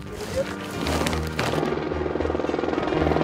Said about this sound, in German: Im Tal wartet schon die nächste Lieferung. Der Helikopter kommt im 10-Minuten-Takt. Gleich geht's wieder hoch.